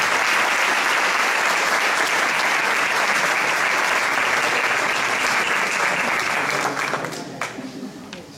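Loud, sustained applause from an audience welcoming a singer at the inauguration of a centre, a dense wash of clapping that holds steady for several seconds before thinning out and fading near the end.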